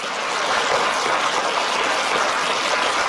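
A crowd applauds steadily for about three seconds in answer to a speaker asking who knows sex trafficking is wrong, a dense, even wash of many hands clapping at once with no voices above it.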